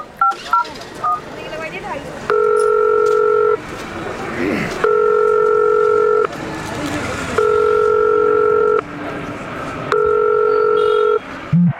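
Someone phones a friend to check whether he has arrived: a few quick dialing beeps, then a steady ringback tone that sounds four times in long, evenly spaced pulses with short gaps, over a low murmur of background noise.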